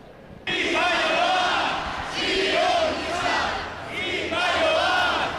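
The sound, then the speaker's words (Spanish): A large crowd of protesters marching at the Arenal chants slogans against the Ertzaintza in unison, loud and sustained, in three rhythmic bursts with short dips between phrases. “La marcha comenzaba con gritos contra la Ertzaintza, a la que acusan de sionista.”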